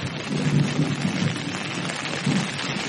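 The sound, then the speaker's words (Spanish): Heavy rain pours on the island of Java, Indonesia, in a steady, dense hiss, with deep rumbles of thunder rolling underneath in a few low swells. No voices are heard. “La lluvia se precipita hacia el valle, barriendo todo lo que se interpone en su camino.”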